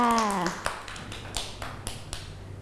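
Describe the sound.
A brief spoken voice at the start gives way to a scattered, uneven round of hand claps from children, about seven or eight sharp slaps at a loose, irregular rhythm.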